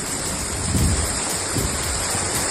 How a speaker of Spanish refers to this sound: Bueno, acá podemos ver cómo corre el río, podemos escuchar también. Así que aquí vamos tratando de cruzar el río, mi gente.